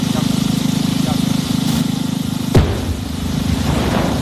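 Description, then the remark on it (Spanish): A controlled explosion in Romania, set off to divert water from the Danube toward the Cernavoda nuclear power plant, cracks out as a single sharp boom partway through, rising briefly over a steady low mechanical rumble and trailing off into a rough, fading roar. “Bueno, esto que acabas de escuchar no es una cafetera que ha explotado, sino una explosión controlada.”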